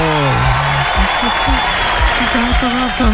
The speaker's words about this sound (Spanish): Para todos los chiquillos que laboran en el área de la salud también. ¡Aplauso!